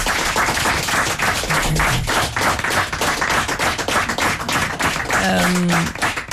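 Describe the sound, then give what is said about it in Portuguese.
A crowd applauds musician Lelo Nogueira steadily and loudly for several seconds, a dense patter of many hands clapping, with a brief vocal cheer or whistle rising near the end. “E o Lelo Nogueira, uma salva. Um aplauso para ele.”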